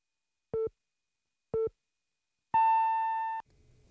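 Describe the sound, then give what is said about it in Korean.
A radio noon (12 o'clock) time signal announced by EHL Bio on Korean radio: two short, mid-pitched beeps a second apart, then a longer, higher tone held for almost a second, followed by faint low noise. “당신을 지키는 EHL 바이오가 12시를 알려드립니다.”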